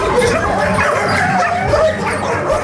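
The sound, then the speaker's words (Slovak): Many dogs barking and yipping at once in an animal shelter, a loud, echoing chorus with overlapping yelps and whimpers filling the space continuously, insistent. “Akoby na nás štekotom netrpezlivo kričali: "Vyber si mňa!"”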